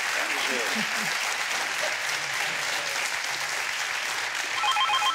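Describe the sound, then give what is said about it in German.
Steady, dense applause from a crowd, sent to a caller during a phone-in round of a show, fills the whole stretch, loud and continuous, with a faint ringing tone creeping in near the end. “Dann schicken wir den Applaus zu Ihnen und viel Spaß mit dem neuen Rad, das Sie sich aussuchen.”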